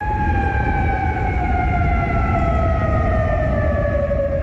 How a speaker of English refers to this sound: Those sirens heard across Kuwait City, Qatar, and Bahrain also warned residents to take shelter as they come under Iranian fire.